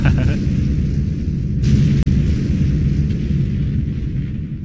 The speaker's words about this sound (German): Und? Das Feuerwerk ist startklar? Aber sicher, du kannst es hören in 3, 2, 1.